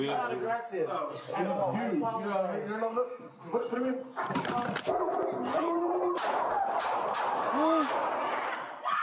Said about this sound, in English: Four gunshots.